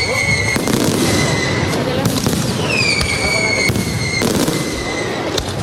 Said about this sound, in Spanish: Un espectáculo de fuegos artificiales ha clausurado oficialmente hace tan solo unas horas la Feria de San Miguel 2026.